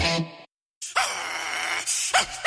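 A small dog lets out a quick yip, goes quiet for a moment, then whines and whimpers in a drawn-out, high-pitched stretch ending in a few short yelps, fairly loud.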